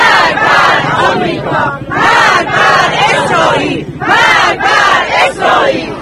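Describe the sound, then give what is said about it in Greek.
A large crowd filling the streets around a slow-moving procession chants slogans against the United States and Israel in loud, rhythmic bursts of massed voices, roughly one shout per second, with a constant roar of the throng underneath. “κινείται με αργό ρυθμό μέσα από το πλήθος που έχει κατακλείσει τους δρόμους.”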